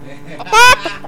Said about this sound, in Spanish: Vamos a poner... Poner las gallinas, compadre.